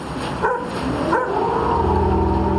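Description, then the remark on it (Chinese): Tibetan mastiffs guarding a herd of yaks on the Tibetan plateau, apparently having spotted a familiar enemy, bark in a few loud, deep bursts, followed by a sustained, drawn-out canine tone, with no people talking. “一群藏獒守护着这些牦牛，这种生活在藏地高原的獒犬极具攻击性，它似乎是发现了一个熟悉的敌人。”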